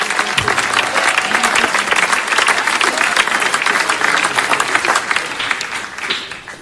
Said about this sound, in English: Overflow, you clap your hands, because in here these guys are not clapping their hands. Look at how they are still clapping,